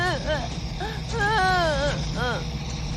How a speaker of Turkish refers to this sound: Ne oldu? Neden ağlıyor? Çocuklar korktu. Onları sakinleştirmeye çalışıyorum.